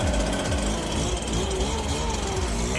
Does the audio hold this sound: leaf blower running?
yes